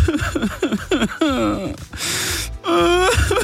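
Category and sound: human body sound, man crying and wailing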